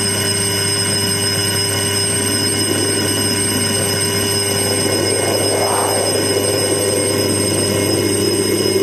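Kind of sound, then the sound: signal or alarm, school recess bell ringing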